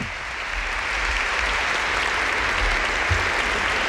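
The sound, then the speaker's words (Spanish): Sustained applause from a large crowd for the volunteers, with the Pope present, a dense steady wash of clapping that fills the whole stretch at a fairly loud, even level, with no voices standing out. “El papa somriu davant d'aquest aplaudiment dels voluntaris.”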